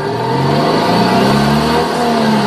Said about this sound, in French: On essaie vraiment de ramener le bruit des deux chevaux au démarrage, et pourquoi pas jusqu'à 20-30 km/h.